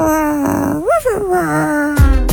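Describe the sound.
A person imitates a growling dog: one loud, sustained throaty growl that rises into a whiny pitch sweep midway, then settles back into a low rumble before ending with a short rough burst.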